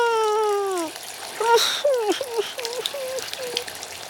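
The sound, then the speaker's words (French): Shower water runs steadily in a hissing spray at a swimming pool before entering the pool water, while a young child's high, wavering whimpers and cries rise and fall over it. “Avant d'entrer dans l'eau de la piscine, il faut se doucher.”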